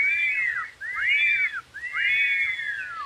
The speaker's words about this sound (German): Pfeif ich dreimal.